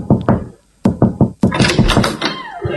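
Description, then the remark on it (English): Knocking on a front door: a few quick raps, a pause, then a louder series of knocks, with a rattly, resonant tail near the end. “Let's knock. Let's just knock.”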